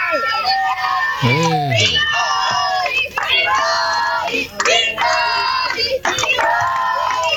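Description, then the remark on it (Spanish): A large crowd of people who have already voted gathers outside a polling station, talking and shouting over one another in a loud, unbroken babble, with raised voices and occasional higher-pitched calls cutting through. “¡Qué mucha gente!”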